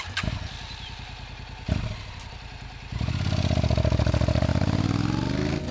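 A motorcycle engine cranks with a couple of sharp clicks, then catches and settles into a loud, steady idle with a rising revving tone, alone without speech.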